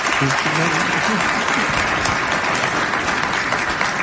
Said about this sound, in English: The applause you just heard was from members attending the Association of Washington Business Summit earlier this month. Gregoire was invited to speak.